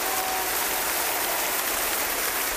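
A large concert crowd applauds in a dense, steady roar of clapping that holds at an even, fairly loud level for the whole stretch, with no voices standing out.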